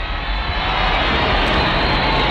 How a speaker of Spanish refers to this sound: La ola del grito se acerca a ti